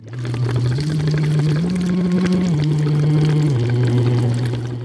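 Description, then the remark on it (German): A young singer sings through a plastic tube into a water-filled bottle in Regensburg, about an hour before his performance at a youth music competition, producing a steady, stepping hum with constant bubbling and gurgling layered over it, fairly loud. “von der deutschen Schule Malaga in Spanien singt blubbernd durch einen Plastikschlauch in eine mit Wasser gefüllte Flasche.”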